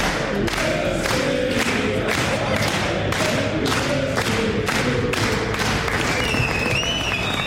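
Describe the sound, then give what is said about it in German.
A football team at the World Cup claps together for Kai Havertz's 27th birthday in a steady, rhythmic beat, about two claps per second, loud, with voices chanting or singing along underneath and a few whistles near the end. “Er hatte Geburtstag und es wurde sogar für ihn gesungen oder vielmehr geklatscht.”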